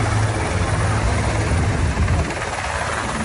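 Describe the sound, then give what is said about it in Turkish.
A rescue helicopter flies during an air and sea rescue operation after an accident in Northern Cyprus, its heavy rotor chop and engine roar making a steady, loud drone that eases slightly toward the end. “Durumu acil olan yaralılar helikopterlerle kısa sürede hastaneye gönderildi.”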